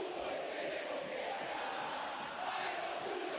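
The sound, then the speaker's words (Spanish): A large stadium crowd at the Monumental roars and shouts angrily in a continuous, dense wall of voices that stays loud throughout, with a brief dip and swell near the end, as a River match against Gimnasia goes to penalties. “Ahora grita, pero la gente está con bronca.”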